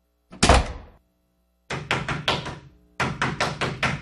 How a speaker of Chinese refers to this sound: 你是谁啊？敲错房了。